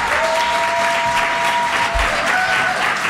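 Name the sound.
audience applause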